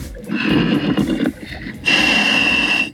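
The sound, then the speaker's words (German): Heavy, hissing breaths of a diver through a regulator in the Mummelsee lake, heard over a radio link on a boat: a long rasping inhale followed by a brief pause, then a bright, sustained exhale, loud, with no talking. “Darth Vader im Mummelsee. Jetzt hört man ihn richtig atmen.”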